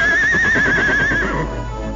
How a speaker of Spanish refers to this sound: Híjole, había estado relinchando, dale, que dale. Le estaba avisando a usted, señor.